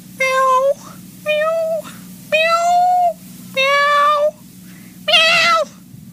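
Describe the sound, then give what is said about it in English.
Five loud, drawn-out meows from a person imitating a cat, evenly spaced with short pauses between them and a steady low hum underneath, the last one rising higher and more strained. “That's actually a good meow.”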